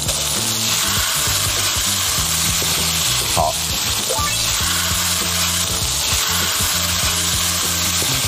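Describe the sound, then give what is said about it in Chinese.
A steady, broad sizzle of aromatics being stir-fried hot in a wok, with low background hum and occasional faint clinks, continuous throughout. “现在就是应该是 包一下这个料头， 来， 好， 把这个 炒上。 我们把这个料头炒好了以后呢，把酱呢 锅里边。”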